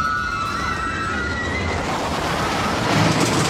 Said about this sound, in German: Großes Geschrei, wenn die Achterbahn vorbei rauscht. Aber warum schreien wir eigentlich in der Achterbahn?